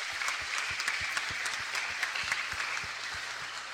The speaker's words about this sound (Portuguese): Os catequistas, os catequizandos e os pais, fica de pé. Catequistas, catequizandos e os pais. Olha aí que bonito, uma salva de palmas.